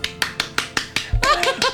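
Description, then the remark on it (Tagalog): A quick, steady run of about six sharp, crisp hand claps imitating a chicken's flapping wings, followed by a few looser claps as voices come in at the end. “Oo, iya, kapakpak, manok bala. Kita mo, nagisaga, palakpak na.”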